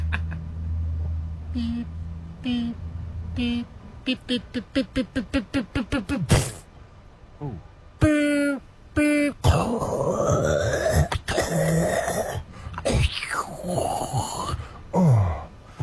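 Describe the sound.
A voice imitates a truck backing up, with a low rumbling hum and evenly spaced pulses that speed up, followed by strained mouth noises, grunts and squeaks.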